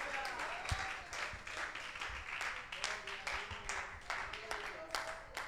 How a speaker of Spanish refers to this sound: Gloria a Dios, aplauda al Señor.